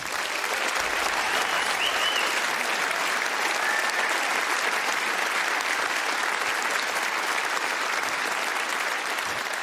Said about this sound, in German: Applaus.